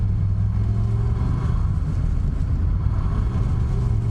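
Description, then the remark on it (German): An old car engine, some years old, rumbles steadily, a deep low drone with slight rises as it revs while driving, loud and continuous with no voices. “Mit Verlaub, der Wagen hat schon ein paar Jährchen auf dem Buckel.”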